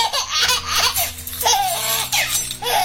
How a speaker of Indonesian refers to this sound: Suara bayi Kalimantan.